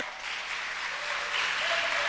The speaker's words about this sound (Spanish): No, no, si va a aplaudir, hágalo con ganas.